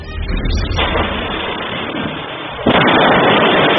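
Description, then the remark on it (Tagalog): CCTV recording of a house exploding from a leaking LPG tank in Barangay Gavino Madiran, GMA, Cavite, at 9 a.m. on a Thursday: a powerful blast erupts in a dense, muffled roar, a second, louder surge of blast noise hits partway through, then a heavy rumbling wash sustains. No voices are heard. “Ang pagsabog, dulot ng sumingaw na tangke ng LPG na nasa pool sa CCTV.”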